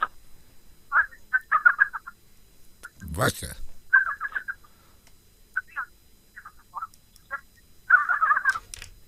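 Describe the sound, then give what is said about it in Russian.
A pet raven named Vasya makes several bursts of raspy, chattering calls over a tinny phone line, with pauses between them and a short spoken word from a person in the middle. “Вася, Ворон.”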